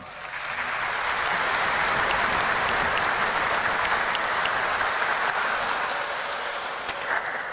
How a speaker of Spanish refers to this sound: Para todos ellos, muchísimas gracias y un fuerte aplauso.